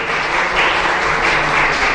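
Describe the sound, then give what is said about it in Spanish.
An audience bursts into steady, loud applause, a dense wash of many hands clapping together without pause, with no voices rising above it. “Un fuerte aplauso, porque no pertenecemos al mundo.”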